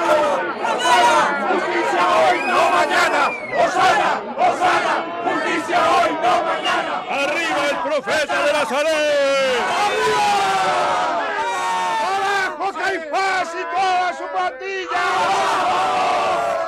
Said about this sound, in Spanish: Una avalancha de campesinos de Betania, de forasteros galileos, de hombres y mujeres agitando con entusiasmo ramas de laurel y de palmera, enronquecidos ya de tanto gritar, vitoreando al Mesías, al hijo de David.